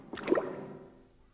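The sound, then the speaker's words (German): A water gate opening, heard from a boat as it slows: one short, wet creaking slosh swells quickly and then fades away over about a second, with no voices. “Es klingt, als ob sich ein Tor öffnet.”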